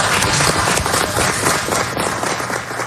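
Steady, dense applause from an audience at a hearing, many hands clapping at once in a continuous rattling wash that holds level for the full three seconds with no voices standing out.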